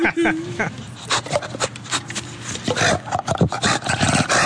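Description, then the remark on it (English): Harsh animal barks and throaty growls come in quick bursts, loud, with a rasping, reptilian edge; the animal flaps, and a splash and some wet movement sound between calls, while people talk faintly underneath. “It's the sound from Jurassic Park. Yeah, that's how they got that. Sounds like a velociraptor.”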